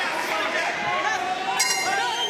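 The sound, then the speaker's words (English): The end-of-round bell at a boxing bout between Emma Sue Greentree and Borgohain clangs out about two-thirds of the way through, just as Greentree lands a jab, its bright ringing tone lingering over a steady crowd murmur that fills the whole clip. “Nice jab at the end of the round, virtually on the sound of the bell for Emma Sue Greentree.”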